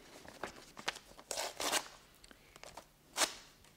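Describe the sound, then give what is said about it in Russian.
Crisp paper tearing and rustling as an envelope from Rome is ripped open, a series of short irregular rips with one sharper tear near the end, no voices. “А я вот не удивлюсь, если вы обнаружите их и у себя, когда вскроете этот пакет, адресованный вам.”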